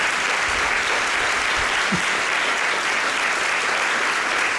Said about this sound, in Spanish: me está mirando con ojos de fuego para que no la aplaudamos, pero un fuerte aplauso para ella.